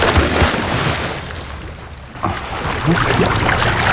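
A single sudden splash as two people jump from an anchored boat into the open sea, followed by a steady rush of churning, bubbling water noise.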